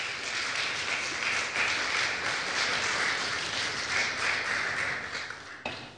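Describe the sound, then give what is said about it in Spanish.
A church audience applauds the Lord steadily, many hands clapping together in a dense, sustained crackle that stays loud and even for several seconds before briefly dipping near the end. “Un aplauso poderoso al Señor, por favor.”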